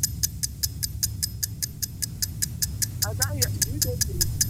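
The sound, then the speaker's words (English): A 10-second quiz countdown clock, timing a player naming five foods starting with T, ticks steadily and quickly, sharp regular clicks running throughout, while people murmur underneath and a voice briefly rises near the end. “All right, your time is on the clock, starting now.”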